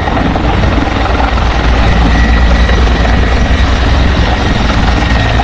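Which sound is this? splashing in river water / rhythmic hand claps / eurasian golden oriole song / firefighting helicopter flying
firefighting helicopter flying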